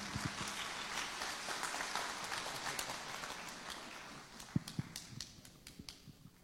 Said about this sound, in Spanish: Fuerte los aplausos para nuestro querido hermano salmista